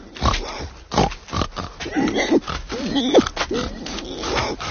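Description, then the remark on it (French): Three pigs grunt and oink while being fed, a busy, overlapping run of snorts and squeals with rustling and shuffling underneath, loud and continuous throughout. “Juste 3 porcs. Mais ils font du bruit comme 10.”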